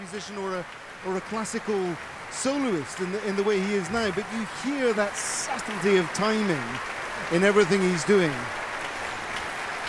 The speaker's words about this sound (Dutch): Ik hoor weer opkomend applaus, dus … zal alweer een buiging hebben gemaakt.